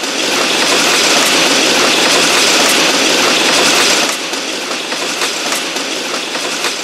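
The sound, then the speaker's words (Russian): A diesel train roars through a village railway station without stopping, a loud continuous rush of engine and rolling wheels that drops slightly in level midway as the cars keep clattering through. “Я слышу, Дизель! Да Дизель, он самый, Дизель.”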